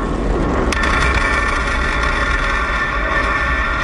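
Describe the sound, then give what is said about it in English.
The first stage of a Falcon 9 rocket, launched from a Space Force base in California, coming down to land a few minutes after liftoff: a loud, steady low roar of engine thrust, broken early on by one sharp, booming crack like a sonic boom, then continuing unbroken. “You can hear the rocket coming back down and landing a few minutes after liftoff.”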